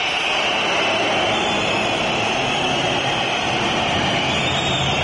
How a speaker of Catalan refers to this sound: El Barça dormint xiulets. I els xiulets. Abans del descans, escolteu-los al Palau.